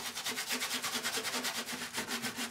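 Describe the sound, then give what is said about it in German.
Steady, rapid scrubbing strokes as a former construction-site van is cleaned of dirty residue, a brush or pad rubbing back and forth against a hard surface in a quick, even rhythm, fairly loud, with no voices. “Raumfahrtingenieur Antoine hat sich mittlerweile den Baustellenbulli gekauft und schrubbt ihn schon seit Tagen.”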